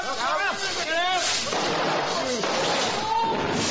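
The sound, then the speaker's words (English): Fizzing fuse powder goes off with a loud bang, setting off rockets that leave a mark on a vicar's ceiling, giving way to a sustained, dense crackling roar while voices cry out in excitement over the noise. “I said the fuse powder's fizzing away very nicely now. Look. Look at her. I think it's going to go up.”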